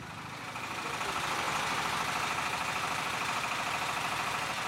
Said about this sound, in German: Maschinen rattern in ohrenbetäubender Lautstärke, Staub liegt in der Luft.